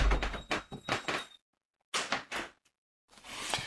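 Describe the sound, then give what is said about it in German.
Windows being shut: several scraping, sliding bursts and a few soft thuds, broken by short silences, with a final rustling slide at the end. No one speaks. “Ach, Entschuldigung, ich musste gerade mal ganz geschwind die Fenster zumachen.”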